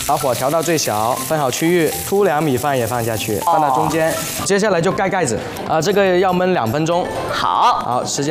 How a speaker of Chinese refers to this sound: 油热了以后，我们先把鱼片给放下去。红葱头油腌过的鱼肉，下锅真的完全。 完全不粘，自己就划开了，自然有一种葱香味道呀，太不错了这个方法。 微微煎一下，再给它反一面。这个鱼不需要煎得太熟，